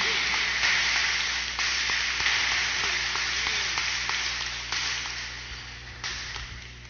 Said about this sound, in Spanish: En el nombre del Padre, del Hijo y del Espíritu Santo, vamos a darle un fuerte aplauso a los niños.